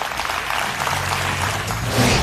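Steady audience applause for the panelists of a leadership panel discussion on CNBC's Managing Asia, a dense crackle of many hands clapping at once, holding an even loudness for a couple of seconds with a low hum underneath and no voices.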